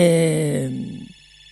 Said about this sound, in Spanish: me están llamando por teléfono.